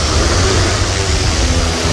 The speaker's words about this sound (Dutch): Max Verstappen? Nee, het is een drone.